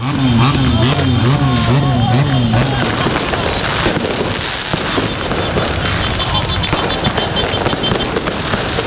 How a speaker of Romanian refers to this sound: Pe străzi urale nesfârșite, claxoane și artificii. Zeci de mii de suporteri s-au adunat pe Champs-Élysées, locul tradițional pentru astfel de momente.